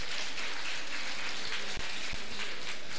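Steady, dense clapping from a crowd, a continuous hiss-like patter of many hands that holds an even loudness for the whole stretch, with no voices over it.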